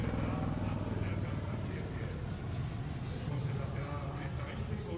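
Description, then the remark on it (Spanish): A helicopter's engine and rotor drone steadily and fairly loudly for several seconds as it performs a vertical dive in an aerobatic display, a dense, unbroken roar with a voice faintly present alongside it. “Ahí vemos cómo hace un helicóptero una maniobra espectacular, que es un picado en la vertical.”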